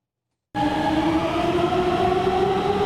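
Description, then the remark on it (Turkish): After a brief silence, a metro train on the Gayrettepe–Istanbul Airport–Halkalı line in Istanbul, Turkey's fastest metro, reaching up to 120 km/h, runs at speed with a loud, steady rumble and a rising electric motor whine, continuous with no voices. “Türkiye'nin en hızlı metrosu yolcu sayısında da hız kesmiyor.”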